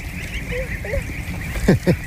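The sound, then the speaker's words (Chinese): Geese honking: two loud, harsh honks in quick succession near the end, preceded by a couple of fainter, thin calls, over a steady background hiss. The geese are raised for foie gras, with bright yellow on the head and grey feathers on the head and body. “你看这个鹅，它跟我以前见过的都不太一样，头上是亮黄色的，然后就特别漂亮。”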